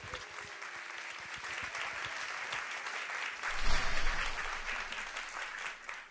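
Steady applause from an audience in Korea welcoming a vocalist to a performance, a dense wash of many hands clapping at even loudness, swelling briefly past the midpoint before easing slightly toward the end.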